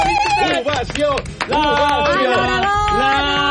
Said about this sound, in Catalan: Ara la tenim aquí. Ovació!